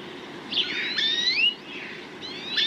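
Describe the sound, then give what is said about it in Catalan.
European greenfinch (Chloris chloris) song: bright twittering trills and sweeping whistled notes in a couple of bursts, fairly loud over a steady low background hum. “Verdum, Cloris cloris. Ocell que habita a camp obert tots els mesos de l'any.”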